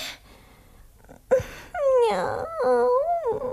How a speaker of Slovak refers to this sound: Juj, pes!